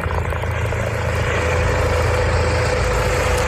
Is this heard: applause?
no